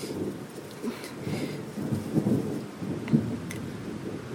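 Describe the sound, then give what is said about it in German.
Rolling thunder rumbles low and continuous through a thunderstorm, with steady rain hissing and pattering throughout, moderately loud, no voices. “Ist schon unheimlich, so ein Gewitter.”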